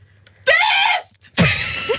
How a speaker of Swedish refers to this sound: och så här lät det när … skrek